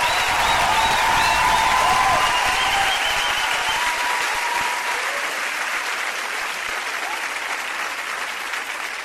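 A large audience bursts into sustained, loud applause, a dense wash of clapping with some cheering that gradually eases off over several seconds.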